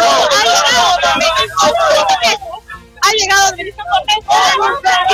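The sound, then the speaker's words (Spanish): A crowd of supporters shouts for their candidate at a campaign rally in Arequipa, many loud voices overlapping in a raised, chant-like clamor that dips briefly midway, then surges back just as strong. “A ver, acá está pasando. Escuchemos al grito.”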